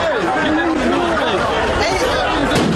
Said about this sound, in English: Crowds and booms in Newport Beach, where fights and fireworks led to about 100 arrests, according to reports.